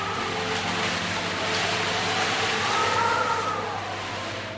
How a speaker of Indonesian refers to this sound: Malam itu hujan turun dengan deras, disertai angin bertiup kencang.